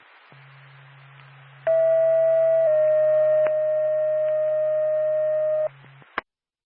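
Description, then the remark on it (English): Dispatch radio paging alert tones from Norfolk dispatch to the Lancaster ambulance: a loud, steady high tone for about a second, then a slightly lower tone held for three seconds, over a low hum and hiss, ending with a click. “Norfolk to Lancaster ambulance, stand by for tone.”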